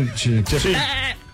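A goat bleats once, loud, its quavering, nasal call wavering in pitch for about a second before trailing off.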